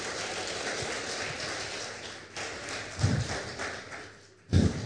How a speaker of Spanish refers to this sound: Dale un fuerte aplauso.